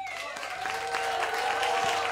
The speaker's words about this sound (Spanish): Un aplauso muy fuerte